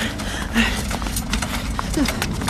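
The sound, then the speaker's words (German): Galloping horse hooves of the headless knight pound out a quick, uneven rhythm of sharp thuds, carried over a steady low rumble that fills the whole stretch. “Bald blieben die Geräusche des kopflosen Ritters wieder hinter ihnen zurück.”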